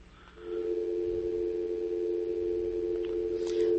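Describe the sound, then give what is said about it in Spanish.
A steady, unbroken telephone line tone from an incoming call to the studio booth phone hums at moderate loudness for several seconds, coming in after a brief quiet start, with no voices. “Muy bien, bueno, por ahí nuestra gente, por ahí creo que nos estaban llamando, pues pueden volver a llamar, ¿verdad?”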